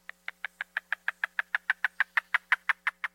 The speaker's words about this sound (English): Here's the yellow-billed cuckoo again.